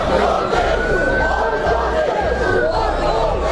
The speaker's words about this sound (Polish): A do takich zamieszek doszło wieczorem w Southampton.